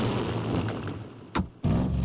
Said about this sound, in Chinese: 玻璃姨妈的车刚开走，奇大怪一家呀就笑喷了。